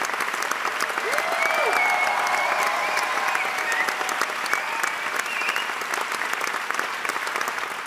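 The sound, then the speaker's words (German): A large theatre audience applauds steadily, a dense wash of clapping that holds at an even, fairly loud level throughout, with faint voices and cheers mixed into the crowd. “Von Robert Wilson wiederum wurde seine Version von Shakespeares The Tempest, also der Sturm, auf die Bühne gebracht und mit viel Applaus bedacht.”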